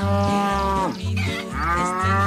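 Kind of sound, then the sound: animal, cow mooing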